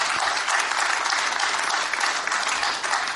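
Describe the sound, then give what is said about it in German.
Sustained applause from an audience, a dense steady patter of many hands clapping at an even loudness for the whole stretch, with no voices standing out. “Ganz interessant, die Differenzierung des Applauses hier auch zu erleben.”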